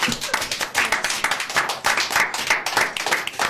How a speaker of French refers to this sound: Bravo. On peut les applaudir.